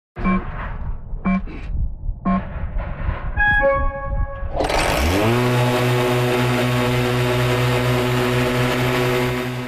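A few short electronic beeps and clunks, then an electric motor spins up into a loud, steady whining hum with a broad mechanical whir, as the Burro Grande, an autonomous electric mower, runs continuously at Laughing Coyote Orchards, a cherry and apple orchard in Summerlin.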